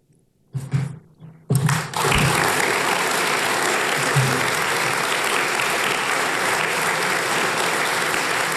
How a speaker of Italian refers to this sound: L'applauso commosso per la voce di Cesare Bocci, che ha letto brani originali e testimonianze dell'epoca.